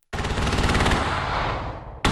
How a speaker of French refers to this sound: Au-dessus de la mer, des obus illuminent le ciel noir. Le bruit est assourdissant. Sur la plage, les militaires courent en direction des canons.